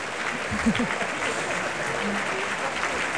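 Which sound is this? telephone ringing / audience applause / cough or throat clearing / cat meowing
audience applause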